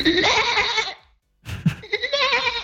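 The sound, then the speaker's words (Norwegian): A person imitates a goat's bleat: two long, quavering, nasal bleats, loud, separated by a short silence, the second breaking into a wobbly tremolo. “Han var med og fortalte at han lærte seg å breke som en geit.”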